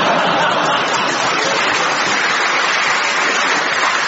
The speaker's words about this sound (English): there was a big cheer for that. My Family is a sort of, it's, what is it, our version of The Simpsons.